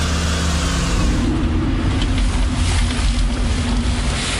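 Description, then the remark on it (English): A car's engine rumbles steadily and fairly loud as the car arrives and parks in the car park at Rosebery Topping, with a constant wash of road and wind noise over it. No one speaks. “Alright, so we've just arrived at Rosebery Topping. We've parked up in the car park.”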